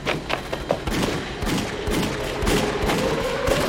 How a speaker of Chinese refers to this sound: 你看，枪炮声越来越近了，万一小鬼子要来了，我得保护小姐。